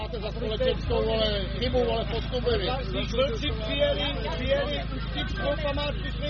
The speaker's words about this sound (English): A small but very vocal group of protesters are shouting at some of the participants gathering